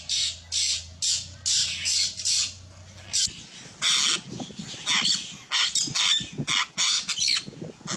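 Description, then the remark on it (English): A pelican gives a rapid series of harsh, raspy squawks in short bursts, loud, with a low steady hum underneath during the first few seconds. “We're going to talk about the characteristics of a pelican”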